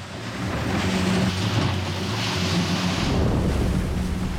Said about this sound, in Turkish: Bakın sürat teknesi, Mackie Barr'ın para kaynağı ve suda olmadığı her gün ona binlerce dolara mal oluyor.